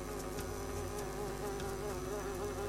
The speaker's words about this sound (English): a bee flies right up to her and she panics.